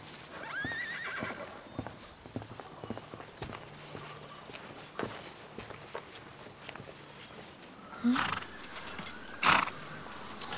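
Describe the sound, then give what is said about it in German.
Horses whinny and neigh, with a loud cry near the end, while hooves clip-clop steadily in the background. No one is talking. “Tja, wir haben ein Problem mit unseren Pferden.”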